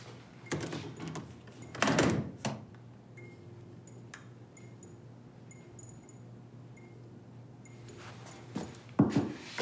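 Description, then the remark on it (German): A door is pushed shut with a rattling thud, followed by quiet ticking and a low background hum before another short clunk of handling near the end. “Die Türen bleiben hier wirklich nur angelehnt.”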